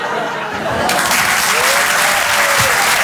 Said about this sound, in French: Merci l'Apollo. Merci. Merci. On l'applaudit très très fort, Julien Bing.